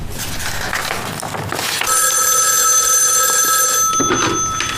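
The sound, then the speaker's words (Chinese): A telephone rings: after a short stretch of rustling noise, a loud, steady electronic ring with bright, layered tones starts and holds unbroken to the end, with no one speaking. “我就掐这个时间赶紧给你打一个电话，想你了。”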